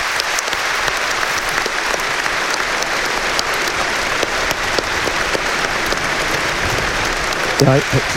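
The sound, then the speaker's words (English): A large stadium crowd claps steadily in a moment's applause for the late Stephen Gormley, a former Monaghan Ulster champion who died aged 41; a dense, continuous wash of applause holding at an even level throughout, with a brief voice surfacing near the end. “And before Aaron Levine, there's a nice moment's applause going to be had for the late Stephen Gormley.”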